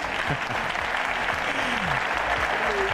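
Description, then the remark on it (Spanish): Steady applause from a sizable audience at a celebration of a radio station's 40 years fills the whole stretch, dense and continuous at a fairly loud level, with faint voices murmuring and calling out beneath the clapping. “Bien, aplaudan.”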